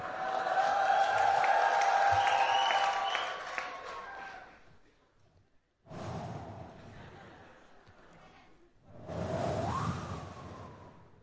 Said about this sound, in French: Vous reconnaissez ce bruit? C'est quand on ouvre le frigidaire.